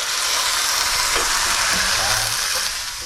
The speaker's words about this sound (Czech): A teď to zalijeme takový napůl vývar, trošku i vody tam dám. Hezky zalijeme takhle.